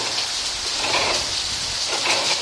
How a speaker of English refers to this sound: When you're at the mill, don't just look to see. Listen to the sounds of the mill. Outside, there's the sound of the water from the mill race running over the wheel.